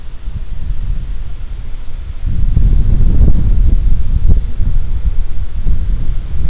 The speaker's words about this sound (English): Going to get windy. So basically, I propose we get out of the wind. I propose we get the hell out of the wind and back into an indoors location.